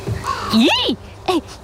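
A raven caws twice: first a long, loud, rasping call, then a shorter one after a brief pause, against a quiet background.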